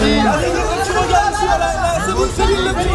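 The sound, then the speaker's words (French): A dense crowd of fans chattering and calling out excitedly, many overlapping voices blending into a steady hubbub that continues without pause: admirers greeting a Québec star on her arrival in Paris, waiting in front of her hotel. “La star québécoise est arrivée ce matin à Paris sous les acclamations de ses admirateurs, à 2 semaines de son grand retour sur scène.”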